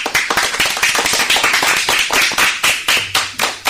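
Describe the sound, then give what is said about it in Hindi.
Loud, sustained applause from an audience opening a programme of children's performances, with dense overlapping hand claps and a few sharper individual claps standing out, filling the whole stretch without any talking. “तो चलिए जोरदार तालियों से हम आज के कार्यक्रम की शुरुआत करते हैं।”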